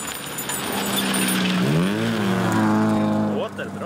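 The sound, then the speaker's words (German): A battered, dented old car fit for the scrapyard revs hard as its driver floors the accelerator on a remote dirt road, its pitch sweeping up and down in a rough, rising and falling growl that stays loud throughout, with a brief dip near the end. “Linnea Andersson drückt auf einem entlegenen Feldweg ordentlich aufs Gaspedal.”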